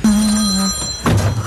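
A telephone rings for an incoming call: a steady electronic tone sounds clearly for under a second, falls briefly quiet, then a second ring begins at the end.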